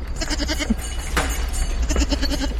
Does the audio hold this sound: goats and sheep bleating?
yes